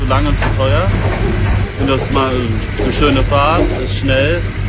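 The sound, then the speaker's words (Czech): A steady low engine drone with a constant hum runs throughout, loud, from a fast catamaran ferry during the ride, while passengers talk over it. “Odlučili smo se za katamaran kako bi posjetio obitelj svoje partnerice, ali sjevernije u Rijeci.”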